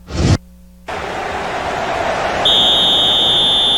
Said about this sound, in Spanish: Silbatazo